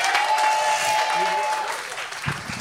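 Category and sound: crowd, thunderous applause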